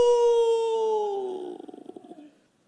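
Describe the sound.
A single human voice imitates a pack-leader wolf howling toward the sky: one long, sustained tonal cry that slowly falls in pitch, then breaks into a wavering, pulsing tail before fading out. Fairly loud.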